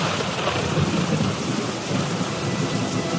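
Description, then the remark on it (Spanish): A thunderstorm during the rainy season with heavy rain pouring down in a dense, steady hiss, while a low, continuous rumble of thunder rolls underneath. No voices, just the loud, unbroken downpour. “Era la época de lluvias, y ese día llovió fuertemente, y como vivía a la orilla de un río, de este bajó mucha agua que se llevó a la casa y a sus hijos.”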